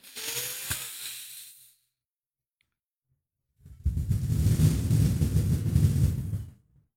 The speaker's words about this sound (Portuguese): Agora aquela respiração pra gente, né, provar que tá vivo, puxando pelo nariz, soltando pela boca comigo.